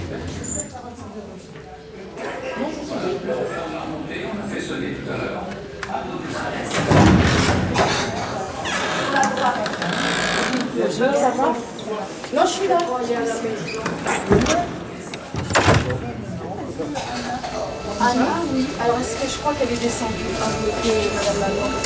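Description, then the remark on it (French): Doors slide open with a couple of rushing, thudding bursts amid a busy, rumbling background, while people talk throughout. “Ouverture des portes.”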